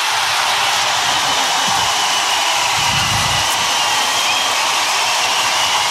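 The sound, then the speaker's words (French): A huge crowd at the Olympic aquatics centre gives an ovation for swimmer Léon Marchand as he enters behind the starting blocks, a dense, steady roar of cheering and applause that stays loud and unbroken for about six seconds, with no voices standing out. “Et le prochain à rentrer derrière les plots, vous allez entendre tout simplement l'ovation du centre aquatique olympique pour Léon Marchand.”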